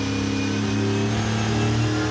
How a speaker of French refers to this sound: Un V8 qui prend 7500 tours. Oh la vache. Oh le son. C'est juste exceptionnel, j'adore.